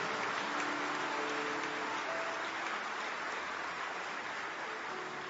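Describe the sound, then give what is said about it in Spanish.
Sustained applause from an audience, given to the Lord, a dense, even patter of many hands clapping at once, holding steady for several seconds with no voices over it. “Y dale aplausos a Él.”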